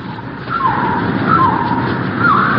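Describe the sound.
A soldier whistles an imitation of a bird call by a beach at the edge of a jungle: three short, mid-pitched gliding notes spaced about a second apart, set against a steady wash of background noise.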